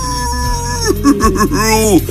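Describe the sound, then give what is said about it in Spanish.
A human voice imitates a wolf howl, a moaning, wavering cry that rises and falls in pitch over a couple of seconds, with a steady low background hum underneath. “Desde los solares chicos se escucha el aullido del lobo.”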